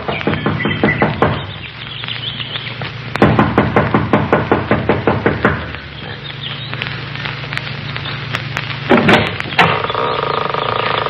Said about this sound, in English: She knocks impatiently, looking about anxiously.